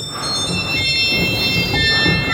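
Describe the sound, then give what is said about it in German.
Shrill, high pipe organ registers in a church hold several piercing, slightly clashing tones at once, sounding sour and out of tune over a steady lower rumble, with no one speaking; the organ has too little air. “Und klanglich gibt die Orgel auch nicht so viel her, also sie hat zu wenig Luft und viele Register klingen auch einfach schief und sind zu hoch und quietschig. Also zum Beispiel solche Register hier.”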